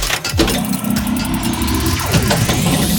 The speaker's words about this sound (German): Bei dir rumpelt es aber auch ordentlich. Ja, ich bin gerade im Auto mit meinen Kindern.